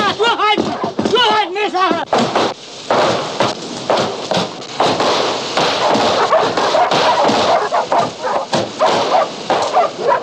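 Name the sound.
dog barking and whimpering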